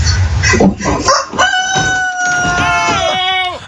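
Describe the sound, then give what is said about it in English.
A family's rooster on a South Carolina porch lets out a single loud, drawn-out crow that rises and falls at the end, preceded by a few short, choppy clucks or rustles, as it approaches an Amazon delivery driver. “Got terrified when the family's rooster approached him.”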